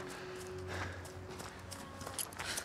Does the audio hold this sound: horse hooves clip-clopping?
yes